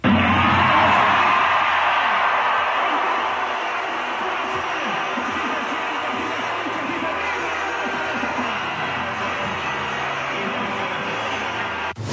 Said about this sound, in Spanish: Bueno, pues ahí se escuchaba el grito, se oía a la presidenta levantarse de su asiento, ondeando banderillas, gritando con la euforia que se vivió, me parece, en general, en la población mexicana la noche del día de ayer.